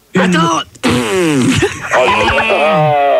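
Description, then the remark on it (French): Loud, drawn-out fart noises made with the mouth, a voice buzzing and sputtering in wavering pitch for about three seconds, with a brief break early on, prominent. “Attends, il y a eu un gros morceau.”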